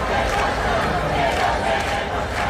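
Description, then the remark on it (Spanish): A large protest crowd of hundreds of people camped out in protest chants and shouts together, a steady, loud wall of many voices with rhythmic swells, continuous throughout. “imágenes y vídeos como este que escuchamos llenan pues el resto de redes. Porque, ya lo estamos contando, cientos de personas han acampado en protesta”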